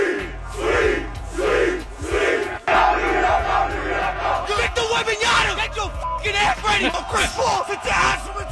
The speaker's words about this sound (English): New York City canceled most of their viewing parties because they've been getting out of control. But it didn't matter, man. Knicks fans poured into the streets anyways and went crazy. Listen to this.